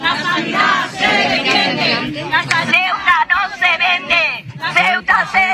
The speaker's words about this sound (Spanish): Bata blanca, pancartas y gritos de protesta esta mañana a las puertas del Hospital Universitario de Ceuta. Sanitarios y también muchos usuarios han salido a la calle para denunciar lo que ya se califica como colapso.